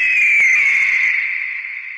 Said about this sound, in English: Even got a bald eagle right here in the CT40 studio sitting right by me. Yep, I'm not kidding. Her name is Patsy. Patsy, you want to say hi to everybody?